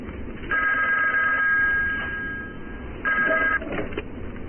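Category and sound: signal or alarm, telephone ringing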